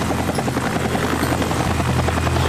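A helicopter hovers, its rotor thudding in a steady, loud drone with a low engine hum and no change in level throughout, while its pilot attempts a timed challenge of opening beer bottles with a bottle opener fixed to the aircraft.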